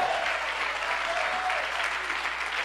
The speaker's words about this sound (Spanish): Dale tu mejor aplauso a Dios.